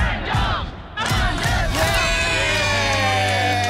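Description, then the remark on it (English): A large stadium crowd at Marvel Stadium in Melbourne, at a Bulldogs versus North Melbourne game, roars and cheers loudly, a dense wall of voices with shouts and whoops rising after a brief dip, sustained throughout. “They get to experience the roar of a crowd.”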